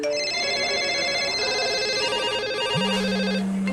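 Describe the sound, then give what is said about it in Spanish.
A telephone rings with a rapid, trilling electronic tone, loud, repeating steadily with no voices; a low hum joins near the end. “No paran de llamar.”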